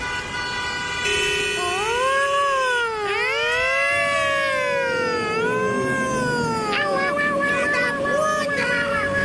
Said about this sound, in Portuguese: Não ouvi nada, eu só ouvi sirene.